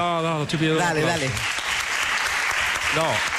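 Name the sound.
audience applause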